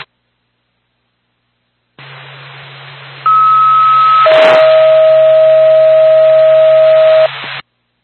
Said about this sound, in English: Four pack, Whitefield ambulance, stand by for tone.